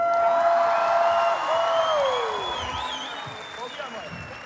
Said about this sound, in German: Und das ist meine wundervolle Band und die noch wundervollere Band, oder sagen wir es jetzt, alle wundervoll, die …. Bitte riesen Applaus!